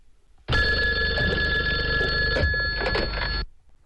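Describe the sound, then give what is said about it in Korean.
A telephone rings loudly and continuously for about three seconds, a bright, sustained electric bell tone, then stops abruptly, with no voices present. “편지를 금방 보내놓고 또 조급해서 전화까지요?”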